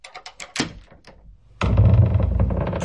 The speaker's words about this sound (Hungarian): Két őr vigyázta az ajtót, amit parancsára réges-rég zárva tartottak. Csikordult a zár, kitárult a vasalt tölgyfa ajtó.